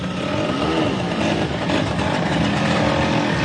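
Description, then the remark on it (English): A Vespa scooter engine revs loudly, its pitch rising and falling in steady surges over a constant mechanical drone, with no voices present; in Rome, where Vespa enthusiasts gather to celebrate the scooter's 80th anniversary. “I'm here in Rome where a party is taking shape to celebrate the 80th birthday of the iconic Vespa scooter.”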